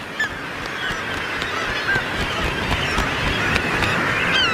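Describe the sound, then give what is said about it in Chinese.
A dense chorus of tens of thousands of nesting seabirds on sheer, wave-carved Arctic sea cliffs calls continuously, many harsh, honking cries overlapping at once against a steady roar of wind or surf. “再比如北极地区的这些悬崖，强大的海浪把它们塑造成了一座座高耸的堡垒，为数以万计的海鸟提供了繁衍生息的家园。”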